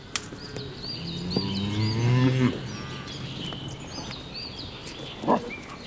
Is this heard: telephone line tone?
no